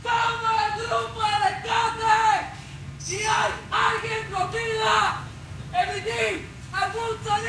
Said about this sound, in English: The motorcycles turn off their engines, the workers put down their hammers, and one of them, 3 stories up, screams into the large void in the middle of the rubble.